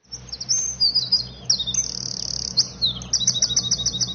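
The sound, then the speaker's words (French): A bird sings high, rapidly modulated whistles: sliding, warbling notes in quick bursts, then a run of short repeated chirps, with a low steady rumble underneath and no voices. “Alors là, on a des sifflements qui sont ce qu'on appelle très modulés.”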